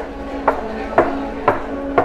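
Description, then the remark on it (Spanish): In a castle, four footsteps of shoes land at a slow, even pace, each a sharp, hard knock standing out clearly over a low, steady background hum. No one speaks. “¿De caballo o...? De zapatos.”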